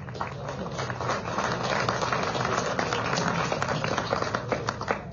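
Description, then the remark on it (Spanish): An audience at an award ceremony held by the municipal mayor's office of Villa Tunari applauds steadily, many hands clapping in a dense, even wash of sharp taps that holds at a constant level for several seconds. “Vamos a, por favor, acompañar con ese fuerte voto de aplausos.”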